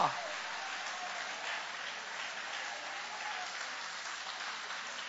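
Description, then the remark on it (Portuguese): An audience applauds steadily in praise of God, a dense wash of many hands clapping at an even level for several seconds, with faint voices mixed into the crowd noise. “Quem crê que Ele é poderoso para transformar ruínas em testemunho, levanta a mão e dá uma linda salva de palmas para Ele.”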